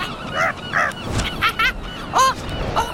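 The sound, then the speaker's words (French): A seagull flying over a small sandy beach where people are picnicking calls out in a series of short, harsh squawks, spaced irregularly, with a faint outdoor hiss underneath and no voices. “Le goéland arrive au-dessus d'une petite plage de sable où des gens pique-niquent.”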